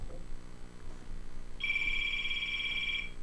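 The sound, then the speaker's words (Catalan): A telephone rings for an incoming call with a bright, steady electronic trill that starts partway through and holds for about a second and a half over a low background hum. “anem a escoltar una trucada.”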